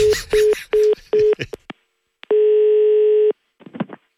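A phone line for a call from Skanska sounds four short, evenly spaced beeps at one pitch, then after a brief pause a single long steady tone, with a faint snatch of voice right at the end.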